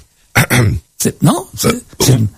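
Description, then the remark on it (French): Four loud bursts of coughing and throat clearing during a live broadcast follow one another at a steady pace, each rough and voiced, with brief pauses between them and no talking. “On peut tousser en direct.”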